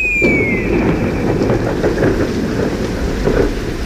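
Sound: rain falling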